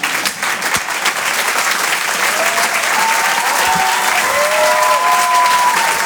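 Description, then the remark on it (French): Steady, dense applause from a comedy audience at the Rire et Chanson Comedy Club fills the whole stretch, a continuous wash of clapping with a few faint whistles or cheers rising above it toward the end. “On peut l'applaudir.”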